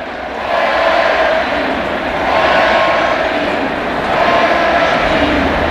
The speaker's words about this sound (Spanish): Es la ovación de la noche para un Pedri que lleva ya con España 6 goles